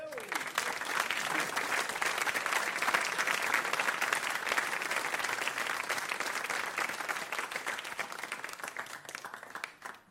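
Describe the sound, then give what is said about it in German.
A large audience applauds steadily for about ten seconds, a dense wash of many hands clapping that stays loud throughout and only tapers slightly at the very end. “Das ist ein besonderer Applaus”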